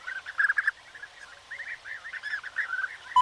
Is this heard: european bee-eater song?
yes